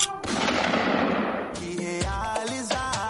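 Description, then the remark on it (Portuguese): A loud, sharp gunshot fired into the air cracks out and its noisy echo rolls away for about a second and a half, then a brief burst of bright musical tones follows. “burro, pancada, beliscão na costela e tiro pra cima.”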